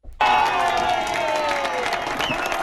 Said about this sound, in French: Applaudissements et cris de joie sur cette terrasse du centre de Madrid où une vingtaine de tables étaient toutes occupées par des aficionados ravis de ce nouveau spectacle.